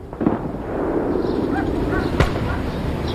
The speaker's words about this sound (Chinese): 临近春节，北方的气候依旧寒冷，空气灰蒙蒙的，远方偶尔传来像鞭炮又像枪声的闷响。